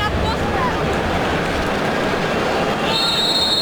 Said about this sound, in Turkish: İkinci yarıda ilk düdük sesi. İkinci yarıya Hırvatistan başlıyor.